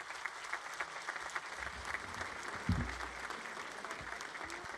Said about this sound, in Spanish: Quiero también dar la más cordial bienvenida a Monseñor Javier Navarro Rodríguez, obispo emérito de Zamora y que también fue nuestro obispo en esta diócesis de San Juan de los Lagos, a quien pido que le brindemos un fuerte aplauso.